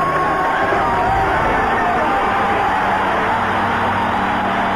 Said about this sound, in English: the American from Maine, when she came into the stadium, 90,000 people, you know, stood on their feet and screamed and cheered. It was utterly, utterly fantastic. Here she comes. We'll come through that tunnel and listen to the crowd as she emerges.